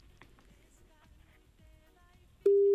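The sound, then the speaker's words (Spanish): After a stretch of quiet, muffled background rumble, a loud, steady telephone line tone suddenly begins near the end and holds unbroken, like the start of a ringback tone on a call. “Acordades vos daquel concurso que os catro tonos, chas.”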